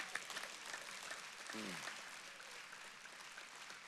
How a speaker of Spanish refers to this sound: ¿Eso merece un aplauso?